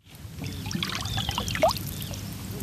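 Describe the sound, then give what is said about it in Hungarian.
Water of Lake Balaton laps steadily against the shore at Siófok on a sunny summer day, in a continuous wash with small splashes and trickles scattered throughout and no voices. “Nyár, szikrázó napsütés, Balatonpart, a víz hullámzása.”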